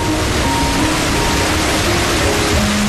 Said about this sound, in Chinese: 会看到远方的瀑布